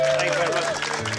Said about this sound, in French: Un tonnerre d'applaudissements pour Jason.